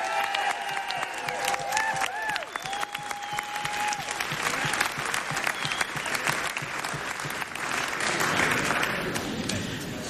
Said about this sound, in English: A big round of applause one more time